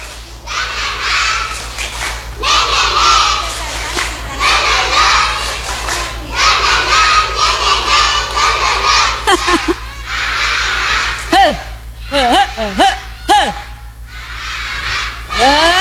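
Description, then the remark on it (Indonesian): A group of children, with teachers joining in, claps in a fast, steady rhythm while chanting the 'Tepuk Semangat' clapping chant together, loud and lively, with excited shouts and high voices rising toward the end. “Gurunya coba juga. Tepuk semangat.”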